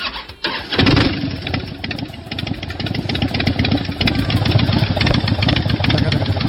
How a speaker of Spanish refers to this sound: la Harley tiene un sonido que nadie más lo puede copiar, es único. Y aquí está el sonido de la Harley, me avisa mi compadre.